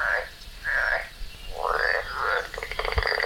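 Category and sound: animal, tree frog calling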